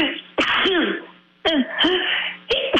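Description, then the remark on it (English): Three loud sneezes in quick succession, roughly a second apart, each a sudden explosive burst trailing off into a voiced, breathy tail, with no talking. “excuse me. Bless you.”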